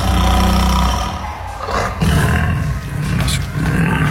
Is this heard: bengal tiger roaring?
yes